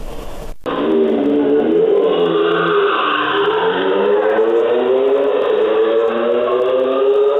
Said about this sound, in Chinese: 渝中区交通管理支队机动大队接到市民举报，称渝中区中兴路和平路路段有摩托车深夜猛轰油门，制造巨大噪音，严重影响周边居民学生的夜间休息。